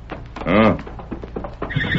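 horse neighing

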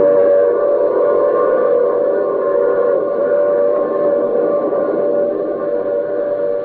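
train running on rails

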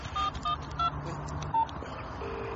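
dialing a telephone number

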